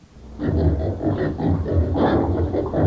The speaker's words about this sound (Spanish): Escuche, vos, mujer, ya se metieron los chanchos. Escuche, es que estos hipotes los espantan. Bueno, chihuiles, dejen de estar asustando a los chanchos.